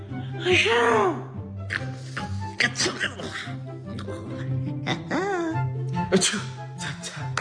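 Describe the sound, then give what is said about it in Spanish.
Several sneezes, warped and pitch-shifted by voice effects, burst out one after another over a steady backing of music, each one loud. “¿Cómo estornudarían estos filtros?”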